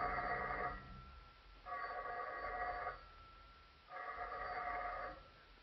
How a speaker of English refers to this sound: It was shortly after 11 o'clock when I got back to my apartment. Almost at once, the telephone began ringing.